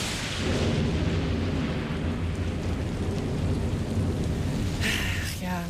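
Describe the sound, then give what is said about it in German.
A thunderstorm rages steadily, with deep rumbling thunder rolling beneath a constant hiss of heavy rain, loud throughout, with a brief brighter crackle near the end. “Da hatte man so tolle Pläne für einen Tag am See oder war den ganzen Tag schon schaukeln und dann plötzlich boom, krachendes Gewitter, große Regentropfen und vielleicht sogar Hagel, der vom Himmel schießt.”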